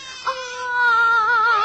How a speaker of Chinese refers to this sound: 啊，宝宝不哭啊。是哪一锅把孩子丢在这里了？